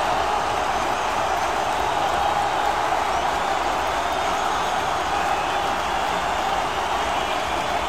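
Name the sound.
stadium crowd ovation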